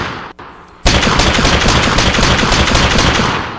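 A rapid burst of loud gunfire erupts after a brief quieter lead-in, continuing as a dense, steady machine-gun-like rattle of shots for about three seconds with no talking.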